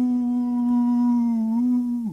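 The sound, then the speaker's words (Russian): A bittern's booming call from somewhere far away: one long, low, hollow moan held at a steady pitch for about two seconds, then sagging and dying away at the end. No voices are heard. “Где-то далеко, неизвестно где, кричала «Выпь!». Точно корова, запертая в сарае, заунывно и глухо «Бу!”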